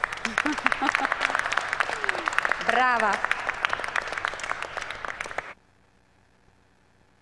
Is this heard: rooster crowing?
no